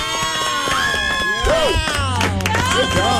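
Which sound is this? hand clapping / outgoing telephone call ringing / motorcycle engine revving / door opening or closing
hand clapping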